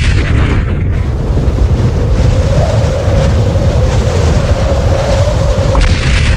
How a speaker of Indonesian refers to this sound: Bersamaan dengan lahirnya bayi tersebut, muncul seberkas cahaya yang disertai dengan bunyi suara menggelegar.